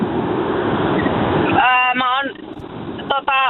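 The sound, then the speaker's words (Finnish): Loud, steady rumble of car road noise heard through a muffled phone line from a caller driving in traffic on a motorway, with a man's voice speaking over the roar partway through. “Pistäpä formula-autos vähän hiljemmalle, niin ei kohise niin paljon.”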